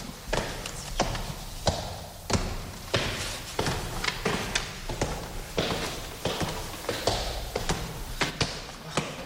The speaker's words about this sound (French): Ça, c'est la porte capitonnée. Porte capitonnée qui marque l'entrée de la chambre de Frédéric Chopin, de l'ancienne chambre de Frédéric Chopin.